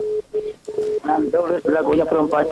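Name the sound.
telephone line connecting tones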